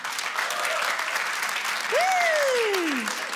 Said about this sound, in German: Sind Hundebesitzer hier vor Ort? Mal klatschen.